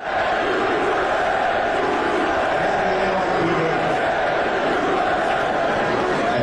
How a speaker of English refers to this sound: They're all chanting USA, USA, USA.